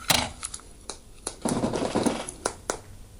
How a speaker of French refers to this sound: C'est une toute petite boîte en plastique, avec une poignée de terre, mais qui en fait a beaucoup de petits fragments de feuilles, de brindilles, des minuscules cailloux qu'on peut entendre.